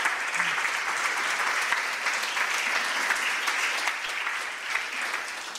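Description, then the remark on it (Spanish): An audience applauds for Christ, many hands clapping in a dense, even roar that holds at a strong level for several seconds before easing slightly toward the end. “Dale un aplauso a Cristo y sonríe, que Cristo te ama.”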